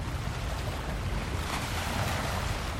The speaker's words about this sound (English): The waves of the Atlantic Ocean are hard, gently lapping against the shoreline, inching closer every day to the nearby beachfront homes.